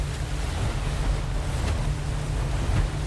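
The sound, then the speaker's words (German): A boat rushes across the water at its maximum speed with a steady, loud roar of waves and spray, strong low rumble and wind buffeting throughout, with occasional splashing bursts as the hull hits the surf. “Kannst du nicht noch schneller? Ich hol schon das Maximum aus unserer guten Ghost raus.”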